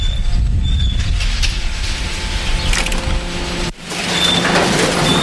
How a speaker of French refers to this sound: Ici on est dans le domaine de l'ouvreur de sacs. Hein. C'est une machine qui nous permet de nous ouvrir, on va dire, 95% des sacs. Puis ensuite passe sur une bande, hein, comme vous pouvez voir là actuellement.